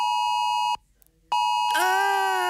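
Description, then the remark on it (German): A loud, steady electronic alert tone sounds twice, split by a short silence, then shifts into a lower, buzzier tone: a mobile phone emergency warning going off in the morning on Germany's nationwide warning day. “Hat's bei euch Vormittag auch so gepiept und gebrummt?”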